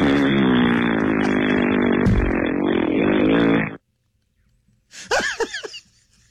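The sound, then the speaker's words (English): A voice blows a long, loud, buzzing raspberry imitating a fart for nearly four seconds, then falls silent before a short burst of laughter. “if that happens to me at a grocery store and they cover me all up with baskets and stuff, I hope I'm full of a bunch of gas and just for 4 hours just rip these big, long, smelly zombie farts.”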